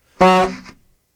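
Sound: horn honk sound effect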